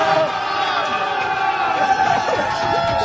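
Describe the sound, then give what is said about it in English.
A large crowd of fans outside a stadium cheers and shouts steadily during a Canada versus Qatar football match, a loud, dense wash of many voices with whoops and yells rising above the roar for the whole stretch. “We can't quite see what happened there, but there's a lot of cheering happening, and this is the vibe.”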